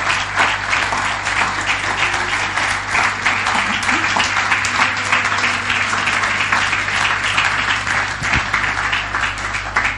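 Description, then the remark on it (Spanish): An audience at a church service claps steadily in sustained applause for the Lord, a dense, loud wash of many hands that fills the full ten seconds with little change in level. “Así que denle un aplauso al Señor, porque lo vamos a hacer.”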